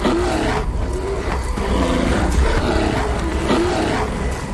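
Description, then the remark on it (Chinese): Large North American brown bears fighting, each trying to drive the others away, with deep, harsh roars and growls overlapping in a loud, continuous snarling clash that surges in short bursts with no pauses throughout. No one speaks. “力量和体型开始发挥作用，体型较大的北美棕熊之间开始爆发直接冲突，战斗打响了。”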